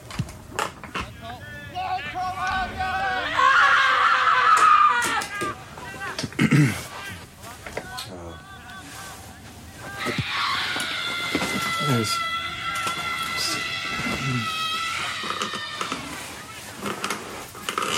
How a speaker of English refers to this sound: Once we have the screams in the archive, we try to let them take on lives of their own, the life that they want to lead.